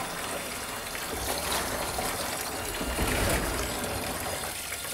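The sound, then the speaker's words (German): Lukewarm water runs steadily into a bath for bathing iguanas, a continuous splashing rush with a slight swell in volume midway, no voices present. “Ja, so lauwarm sollte das schon sein.”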